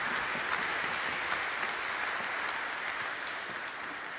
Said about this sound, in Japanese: 拍手をお願いいたします。